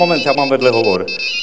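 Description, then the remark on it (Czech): A mobile phone ringtone plays a bright, melodic electronic tune with gliding pitch, loud for a moment before the notes shift and it keeps on ringing. “Moment, já mám vedle hovor.”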